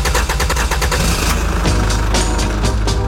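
A car engine, jump-started with cables, cranks with a rapid series of sputtering pulses, then catches and settles into a loud, steady low rumble, with no voices.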